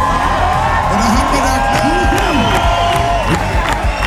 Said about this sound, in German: Jubelstürme also während des Konzerts